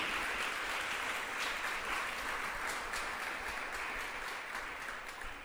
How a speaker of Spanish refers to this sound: Gloria a Dios. Aleluya. Fuerte ese aplauso al Rey.